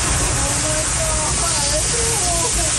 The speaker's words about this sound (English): Shouts of panic and fear as … and her family helplessly watch a virtual river rush towards their St. Catharines, Ontario property